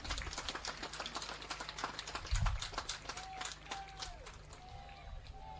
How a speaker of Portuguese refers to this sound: Vou pedir uma salva de palmas aos nossos pais encarregados de educação.